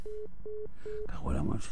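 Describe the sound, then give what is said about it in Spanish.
Three short, evenly spaced beeps of a telephone busy signal on a failed call pulse over a faint line hiss, then a voice starts talking as the tone stops. “Es que esta telefónica que tenemos aquí es un desastre, tío.”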